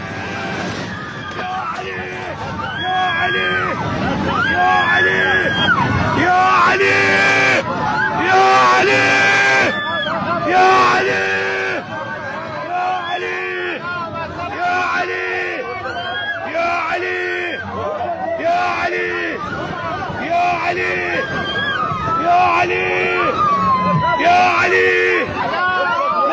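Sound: airplane passengers screaming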